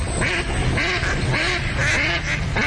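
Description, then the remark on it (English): Several ducks quack repeatedly in a steady, overlapping chorus, loud, with short harsh calls following one another throughout and no talking. “Do you hear that? And that's music to my ears. Time to gear up for bird season.”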